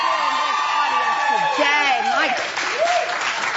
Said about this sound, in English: Okay, first of all, we need to start. You need to give yourselves a round of applause for the fashion.